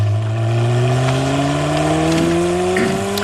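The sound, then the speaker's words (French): A Ferrari engine revs loudly and continuously, its pitch climbing steadily as it accelerates, strong for the full three seconds with no talking. “Et puis, une Ferrari sans le vrombissement du moteur, est-ce encore une Ferrari ?”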